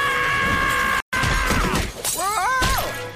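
Glass shatters loudly after a brief silence, with several sharp crashing bursts as a person falls and lands on the glass, then a short pained vocal cry rises over the debris.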